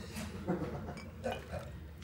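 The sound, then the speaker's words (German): Ice cubes clink into a glass in a few quick, irregular knocks, fairly soft over a low background hum. “Wolltest du Eiswürfel reinhaben?”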